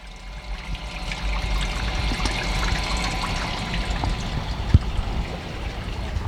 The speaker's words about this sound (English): And the creek has always been an influence on me in various ways. Ecologically, the flow of water, and also materials like the greenery, the mud, which I've used in my work, probably as a direct reference to when it's at low tide